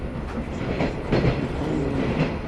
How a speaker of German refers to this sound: Aber erstmal bringt uns der Zug nur 30 Kilometer von Ulaanbaatar weg, zu einem weiteren Nadelfest in dem Örtchen Davani.